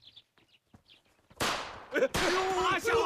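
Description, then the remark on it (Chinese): After a second or so of faint scattered clicks, a loud, dense burst of crackling firecrackers lit by a young man erupts, pausing briefly before continuing, with raised voices mixed into the din. “哎，队长，是那小子把鞭炮给点着了。”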